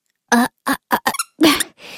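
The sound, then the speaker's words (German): A squeaky toy squeaks loudly in a quick series of about six sharp squeezes, some short and some drawn out, ending with a softer airy wheeze. “Da kannst du doch nicht hier so rumquietschen.”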